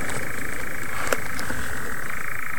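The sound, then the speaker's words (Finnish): A dense chorus of several moor frogs calls steadily throughout at a radio checkpoint of a team race, many overlapping soft bubbling mating calls blending into a continuous hum, with no one talking. “On se komean kuulosta toi viita sammakon soiden ääni.”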